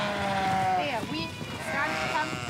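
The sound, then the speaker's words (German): Sheep bleat in a wavering, nasal chorus, with several overlapping calls rising and falling over a constant outdoor murmur, moderately loud. “Genau, kannst ja auch nicht jeden auf die Schafe loslassen.”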